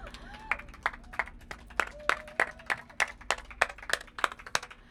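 A small audience claps for about five seconds, with individual claps standing out sharply rather than blending into a roar, and faint voices murmur underneath.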